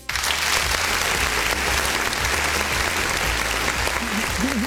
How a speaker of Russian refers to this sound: дай-ка аплодисментов Максиму, как нашему первому гостю